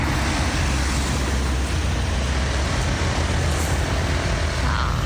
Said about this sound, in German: So klingt der Gourmetkreisel in St. Ingbert im Saarland. Und ich sag ehrlich, Autoverkehr kann auch wie Meeresrauschen klingen. Halt mit ganz viel Fantasie.